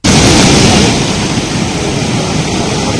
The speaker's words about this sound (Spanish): Bueno, así ha estado entrando el mar en el paseo de la playa de Arinaga, en Gran Canaria, colándose incluso en algunas de las casas.